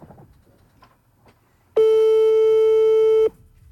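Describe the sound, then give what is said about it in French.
After a faint, quiet stretch, a loud, steady telephone busy tone starts abruptly after a call is cut off, holding one bright pitch with buzzy overtones for about a second and a half before cutting off. “Ça a coupé.”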